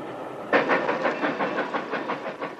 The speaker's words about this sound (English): One day, while riding back to my school, I took a seat in the ladies' coach of the train as usual. When the train started and the conductor came along to collect tickets